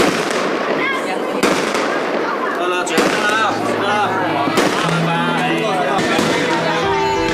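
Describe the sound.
Firecrackers crackle nonstop in a dense, loud barrage during Chinese New Year celebrations in a village, with sharper bursts popping every second or two and people's voices mixed into the din.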